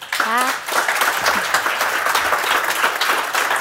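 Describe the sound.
Sustained applause from the audience in Bogense at the Dansk Sprognævns Festival, a dense, steady wash of many hands clapping at an even loudness throughout, with a brief voiced sound rising at the very start.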